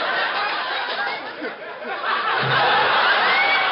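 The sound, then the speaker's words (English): Brief applause in a studio: a dense, steady patter of many hands clapping for a few seconds, fairly loud, with a faint murmur of crowd voices and light laughter mixed in. “Did you hear that applause just then?”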